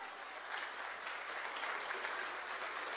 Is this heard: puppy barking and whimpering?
no